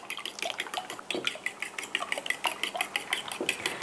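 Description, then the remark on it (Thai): Rapid, steady clinking of a utensil whisking eggs, including chicken eggs seasoned with fish sauce and a little pepper, against a bowl, a quick rhythmic tapping that continues throughout, clear with no talking. “ปรุงรสนิดหน่อยค่ะใส่น้ำปลาสักประมาณครึ่งช้อนโต๊ะแล้วก็ใส่พริกไทยเล็กน้อยให้มีกลิ่นหอมๆแล้วก็ตีไข่ได้เลย”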